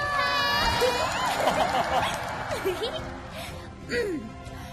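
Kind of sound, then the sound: crowd, audience applause and cheering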